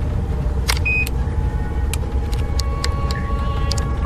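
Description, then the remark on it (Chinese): Steady low rumble of a small car on the road to Shenquan County, heard from inside the cabin, with a few faint clicks and rattles over the constant engine and road noise. No one speaks. “咱这小车稳当得很，是吧？”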